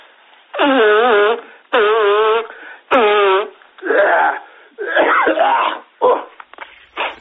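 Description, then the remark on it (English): A person with a cold blows their nose loudly in a run of five or six honking, sputtering blasts, each lasting about a second with short pauses between. “Just let me blow my nose, eh?”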